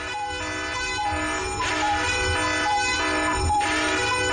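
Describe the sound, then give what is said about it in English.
The 'Be Real' alarm on radio station 947: a loud, steady electronic alarm tone with many stacked harmonics, like a blaring horn, pulsing with brighter bursts about every two seconds. No one speaks over it. “Our Be Real alarm is back.”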